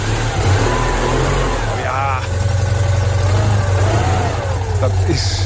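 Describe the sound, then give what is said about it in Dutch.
The engine of an old Citroën 2CV car runs loud, a throaty low rumble that revs up and settles over several seconds, with faint voices murmuring underneath. “Ja, en de Chauffeur, ook wel bekend als de Eend.”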